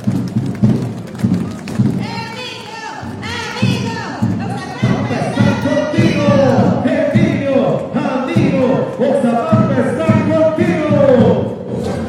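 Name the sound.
audience applause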